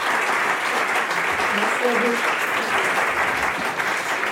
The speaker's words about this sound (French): je pense qu'on peut vous applaudir puisque nous sommes à Blois en direct et en public.